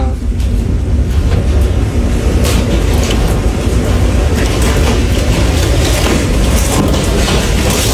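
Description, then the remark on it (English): A tornado outside a house, visibly shaking the house, gives a deep, continuous roar that rumbles like a passing freight train, loud, holding steady throughout with scattered crackling bursts layered over the heavy low-end rumble. “Bro, there's a tornado outside right now.”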